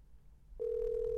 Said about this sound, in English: answer the phone for her, no?